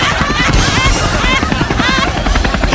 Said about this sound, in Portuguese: É o único programa que tem um helicóptero, né?